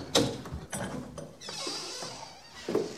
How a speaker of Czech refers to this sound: Otevři mi dole pokladník.